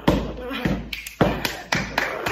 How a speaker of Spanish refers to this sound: Mira, entro, abro la puerta, me echo un baile allí. Subo las escaleras para arriba, así.